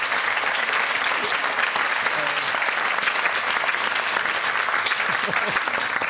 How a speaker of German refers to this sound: Ich setze mir jetzt einen Applaus.